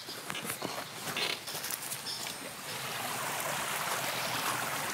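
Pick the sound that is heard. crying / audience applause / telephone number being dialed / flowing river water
flowing river water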